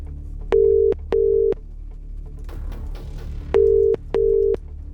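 A telephone ringing tone on the line of a call placed live on BBC Radio 2 to a listener in Christchurch: two pairs of short, steady electronic buzzes with a pause between pairs, clear and fairly loud over faint background hiss. No one speaks.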